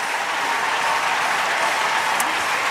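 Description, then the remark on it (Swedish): Steady, dense applause from a large stadium crowd at an athletics event after Amy Hunt wins a new gold for Great Britain, a continuous wash of clapping at an even loud level throughout, with no voices standing out. “Ja, det där tyckte ju publiken om.”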